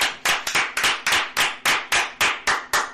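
An audience applauds with loud, steady clapping that falls into an even rhythm of about four sharp bursts per second, no voices heard.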